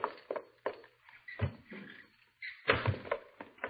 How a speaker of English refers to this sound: Well, if it ain't Hopalong Cassidy, and he comes sneaking in my side door.